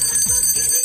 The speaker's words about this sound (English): With the best Latino music. Epa! And the bell,